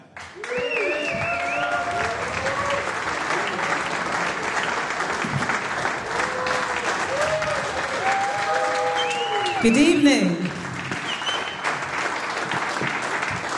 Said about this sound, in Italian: Bello, grandi applausi del pubblico per il concerto